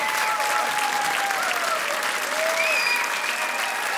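A concert audience applauds steadily after a violin and accordion performance at the Rudolstadt Festival on 6 July 2025, a dense wash of clapping that stays loud and even throughout, with a faint lingering tone from an instrument fading underneath.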